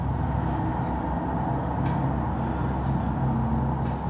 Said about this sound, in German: Sie lebt an einer vierspurigen Hauptstraße und erzählt, der Verkehrslärm ist in den vergangenen Jahren immer schlimmer geworden.